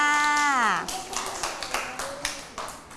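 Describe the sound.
A brief high voice slides downward in pitch, then scattered claps follow in an uneven patter, a handful of sharp hits over about two seconds, moderately loud.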